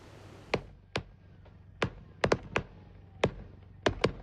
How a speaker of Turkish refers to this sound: Konya'da da bir havai fişek deposuna yangın çıkıyor ve havai fişekler patlıyor. Tabii ki haliyle korku dolu anlar yaşandı.